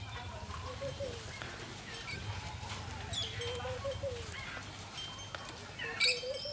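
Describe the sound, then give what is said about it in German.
A male vulture gives a series of short, rough calls, with a louder squawk near the end, over a steady low rumble of background noise. “Er denkt, das ist ein anderer. Das ist ein anderer. Geier, ja.”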